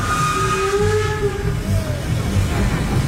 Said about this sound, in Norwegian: Men toget glei rolig inn på Verma stasjon.